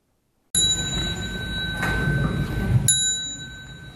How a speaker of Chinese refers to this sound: 众人跟随钟声弯腰鞠躬，向已故的辽国佛教长老致敬。